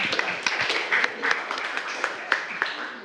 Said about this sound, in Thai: ปรบมือให้เพื่อนกลุ่มนี้หน่อยขอบคุณมากค่ะ